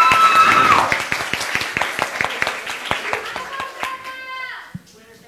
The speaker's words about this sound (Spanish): Un aplauso fuerte para